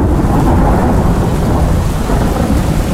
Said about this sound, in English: Relax and unwind to the sound of a stormy night over the Midlands.